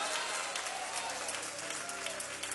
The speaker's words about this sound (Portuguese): Oh, glória! Vamos receber o servo de Deus com palmas bem alegres para Jesus!